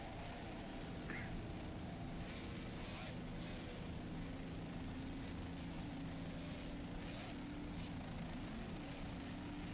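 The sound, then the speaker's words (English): A 25-foot Motion racing powerboat with twin 225 Pro Max outboard engines, running in the P3 class through bumpy water at Deerfield Beach, roars steadily and loudly throughout, a continuous droning whine with a slight wavering pitch, with no voices present. “It's a 25-foot motion with twin 225 Pro Max outboards on it.”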